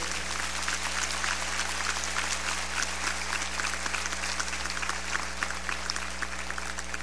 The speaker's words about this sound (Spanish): Si usted está agradecido con Dios porque nos ha dado un día más de vida, yo le voy a pedir que por favor le dé un fuerte aplauso a Él.